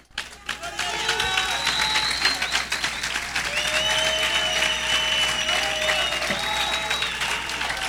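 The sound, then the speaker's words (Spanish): An audience applauds steadily, a dense wash of many hands clapping loudly throughout, with voices calling out and cheering above it and a few whoops rising over the crowd. “Si usted quiere ser de esa iglesia, aplaude, brinca, empieza a hacer algo.”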